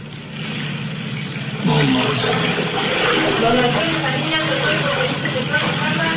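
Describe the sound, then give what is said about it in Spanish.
Steady sloshing and splashing of water as people walk through a house flooded with dark sewer water, growing louder after a quiet start, with muffled voices faintly underneath. “¿Oyen cómo caminan por el agua?”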